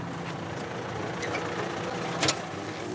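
A tractor engine idles with a steady low rumble and a broad, even hum that holds throughout, with a brief sharper rattle near the end and no talking.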